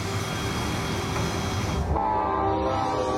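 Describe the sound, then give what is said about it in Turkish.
A snow plow machine clears railway tracks with a loud, continuous mechanical rumble and scraping hiss; partway through the hiss drops away and a steady horn-like tone joins the grinding. “Çalışan küreme makinesiyle artık rayları temizleyebilir.”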